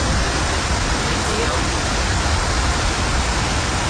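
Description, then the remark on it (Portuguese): A steady, dense hiss of heavy rain pours down without a break, loud, filling the whole recording with an even, unbroken wash of noise, recorded by someone waiting for a bus in Belford Roxo, Brazil. “Tomara que tenha cobertura no ponto de ônibus, porque tá chovendo bastante.”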